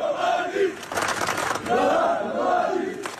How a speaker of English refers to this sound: In the town of Svornik in eastern Bosnia, crowds marched through the streets, chanting the former military commander's name.